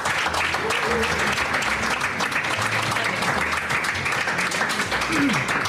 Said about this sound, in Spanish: Les damos un aplauso